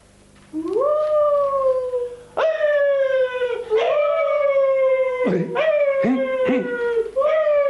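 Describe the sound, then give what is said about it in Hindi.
Dogs howl loudly in long, wavering cries that rise and sag in pitch, one after another with almost no pause, the later howls overlapping. “क्या क्या तुमने कुछ सुना मियाँ? ये क्या बोल रहे हैं? क्या आप इसी से वह कुत्ते लाए थे?”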